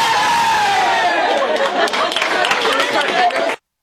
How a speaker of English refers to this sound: Together! What are they cheering for?